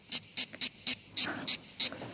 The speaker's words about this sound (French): Et ça, c'est la cigale. Ouais, ça sent l'été.